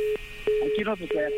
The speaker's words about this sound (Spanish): Aquí ¡ya nos colgó el teléfono!